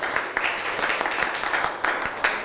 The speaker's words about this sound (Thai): ทุกคนปรบมือให้ตัวเองหน่อย